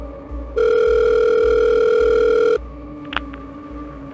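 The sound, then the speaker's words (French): A single steady telephone tone of a call to the Montpellier police sounds for about two seconds, a loud flat electronic note with bright harmonics, over a low rhythmic hum, followed by a couple of short clicks. “Les services de police de Montpellier vont recevoir un appel téléphonique d'une jeune femme qui indique qu'elle a reçu des appels désespérés de sa sœur, disant qu'elle avait été enlevée et qu'elle était séquestrée dans le coffre d'une voiture.”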